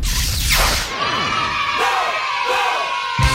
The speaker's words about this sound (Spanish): ¡Aplauso!